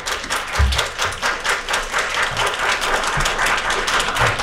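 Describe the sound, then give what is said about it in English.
A crowd applauds steadily at a citizenship ceremony, many hands clapping in a dense, continuous patter with a few low thumps, sustained throughout at moderate loudness. “I'm not used to entertaining applause.”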